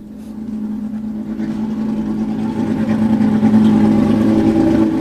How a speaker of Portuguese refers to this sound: Já agora tens aí o carro 0-0. Agora está a chegar aqui também o carro 0.